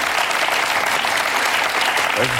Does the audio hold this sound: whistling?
no